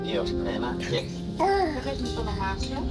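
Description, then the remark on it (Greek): Young children's voices babble and chatter continuously, with high, sing-song pitch rises and a brief louder squeal partway through, no clear words standing out. “Για να τρέχουμε εδώ που καθόμαστε και να ακούμε μόνο παιδικές φωνές.”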